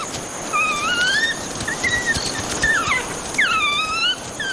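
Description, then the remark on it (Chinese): A pack of about 17 African wild dogs make begging calls for food, excited by the smell of blood on one dog's neck: a chorus of high, wavering squeals and twittering whines, several animals overlapping in rising and falling bursts against a steady background hiss, with no talking. “这只非洲野犬脖子上沾染的血腥味让群体里的成员兴奋不已，不断发出讨食的叫声。”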